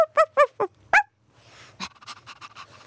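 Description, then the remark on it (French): A woman dressed as a dog at an art exhibition opening imitates a dog with a quick series of four or five sharp, yappy barks, fairly loud, followed by a softer stretch of breathy, panting-like sounds. “Magnifique aboiement.”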